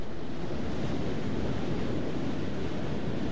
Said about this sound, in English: Back to the sounds of the ocean and such, and the lecture.